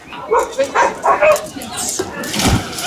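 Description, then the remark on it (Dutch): Several dogs bark and yip in quick, overlapping bursts at a traditional dog swimming event at the De Papiermolen pool in Groningen, held to close the swimming season, with a lively crowd murmuring and splashing noise rising toward the end. “Nee, het was vooral open voor honden. En je kon met je eigen hond gaan zwemmen.”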